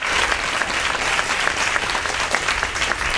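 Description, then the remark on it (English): Sustained applause from a crowd, a dense steady patter of many hands clapping at an even loudness for a few seconds, with no voices standing out, played at the close of the Sunday Jazz radio show. “I'll take that applause.”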